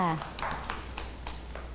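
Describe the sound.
Children clap in a loose, uneven patter of sharp, bright hand claps after a brief voice at the start, the claps spaced irregularly and moderately loud.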